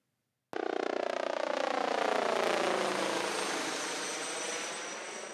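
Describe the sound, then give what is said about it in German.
The rescue helicopter Christoph 12 roars in suddenly, returning to its base from its third mission of the day, its rotor thudding rapidly beneath a steady engine whine, the pitch gradually sliding lower as the loud drone continues with no one speaking. “Es ist heute schon der dritte Einsatz, von dem Christoph 12 zum Stützpunkt zurückkehrt.”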